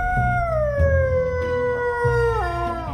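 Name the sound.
dog howling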